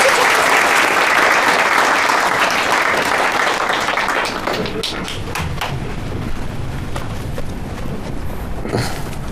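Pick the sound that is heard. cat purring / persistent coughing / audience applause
audience applause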